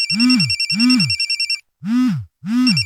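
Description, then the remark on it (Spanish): A telephone rings in a radio ad as Restaurante Meli Mar calls, in four repeated bursts, two close together, a brief pause, then two more. Each ring pairs a swooping low tone with a rapid, bright, trilling buzz. “¿por qué no contestan? ¿Qué no ves que Meli Mar te está llamando?”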